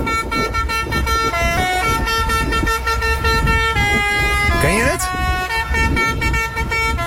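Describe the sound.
A fire truck horn plays a bright, stepped children's melody in loud, sustained tones, with a short swooping siren-like sweep near the end, while people talk underneath.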